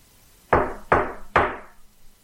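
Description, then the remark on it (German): Three firm, loud knocks on a house's front door, evenly spaced, each ringing briefly before the next, with no voices around them. “Da hörten wir laute Männerstimmen vor der Haustür. Es klopfte.”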